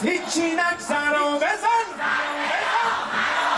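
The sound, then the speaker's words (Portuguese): A large crowd of protesters gathered on a Sunday night in Tehran, Iran, shouts in unison, calling for the Revolutionary Guard to bomb Israeli territory; voices rise and fall in rhythmic chanted bursts, then dissolve into a broad, sustained roar of many people yelling together. “Aos gritos, os manifestantes pediram que a Guarda Revolucionária bombardeie o território de Israel.”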